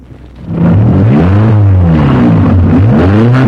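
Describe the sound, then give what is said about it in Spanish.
A car engine cranks and catches after a brief quiet start, then revs loudly, its pitch sweeping up and down in several surges, with no voices. “Vamos a ver si enciende esta babosada. Véngase. ¿Dónde se le mete la llave, hombre?”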